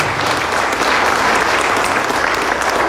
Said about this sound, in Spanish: A continuación, recibimos con un fuerte aplauso las palabras de circunstancia de nuestro hermano gobernador Leonardo Loza. Fuerte el aplauso, por favor.